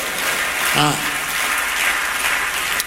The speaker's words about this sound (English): Clap your hands and say, praise the Lord. Amen.